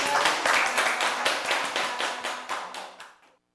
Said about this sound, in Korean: 네, 저희 박수 한번 치면서 마칠까요? 네.